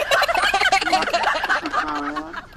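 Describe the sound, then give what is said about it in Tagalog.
Several turkeys gobble continuously and loudly, their rapid warbling calls overlapping in a dense, chattering chorus with no one talking. “Pinahigta niya itong mga basang iya guro nga mga pabo kay kagahod nga sige.”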